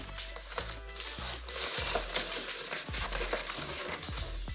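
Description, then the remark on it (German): Crinkly plastic foil tears and crackles as a cutter knife drags through it, the foil tearing right away instead of cutting cleanly; a dense, continuous rustling with sharp snapping bursts, no voices. “Guck mal, da reißt sich die Folie sofort ein.”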